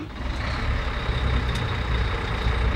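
A bus engine putters steadily in the background, a low continuous rumble with a faint high whine on top, holding an even level throughout with no talking.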